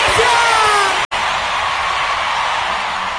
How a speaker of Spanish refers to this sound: ¡Fuerte el aplauso